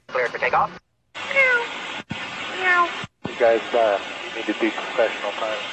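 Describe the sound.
Airline pilots imitate cat meows over a crackly, band-limited aircraft radio channel, several drawn-out meows in short bursts separated by abrupt silences, with a steady engine-like hum and brief speech underneath.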